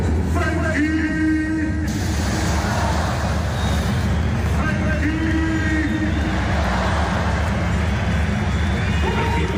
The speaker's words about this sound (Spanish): Porque aquí ya no solo hay socios del Barça, está lleno de turistas con camisetas del Barça, con camisetas de España, con los dorsales 20 de Pedri y sobre todo con el 19 de Lamin Yamal. Escuchamos esos pitos a Frenkie de Jong.